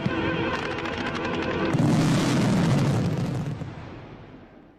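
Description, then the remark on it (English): A dense, continuous rumble of 2,300 fireworks bursting, set off to honour athletes from the Winter Olympics and the Men's Soccer World Cup. Crackling pops sound early on, and a deep booming roar swells through the middle before fading away. “2,300 fireworks were set off to praise athletes who delivered impressive performances at the Winter Olympics and the Men's Soccer World Cup.”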